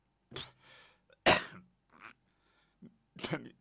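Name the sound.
cough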